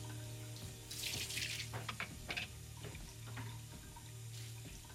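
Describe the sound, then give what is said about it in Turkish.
A kitchen tap runs steadily with a broad hiss of water while dishes are washed, the dishes clinking and clattering in a few sharp bursts, loudest early on, under a low constant hum. “Şimdi bulaşıkları yıkamak için sen varsın ha?”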